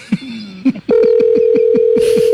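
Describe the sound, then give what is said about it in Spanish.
An electronic phone ringtone for an incoming call sounds loudly: a few short chirps, then a sustained steady tone with a fast, regular pulsing beat underneath. No one speaks. “contesta, mi amor. Que está llamando tu caballo.”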